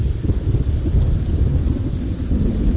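A heavy rainstorm, with deep rolling thunder rumbling steadily beneath a constant hiss of falling rain. Loud throughout, with no voices.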